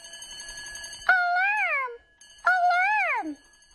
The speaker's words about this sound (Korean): 마침 토끼를 깨우는 알람 소리가 들리네요.